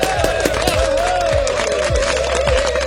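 Dense, steady applause from many hands congratulating Denmark on its seventh place in the Eurovision Song Contest fills the whole stretch, loud and unbroken, with a sustained mid-pitched tone running through the clapping and occasional low thumps underneath.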